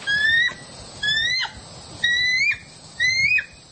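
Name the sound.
bald eagle call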